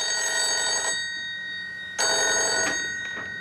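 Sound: telephone ringing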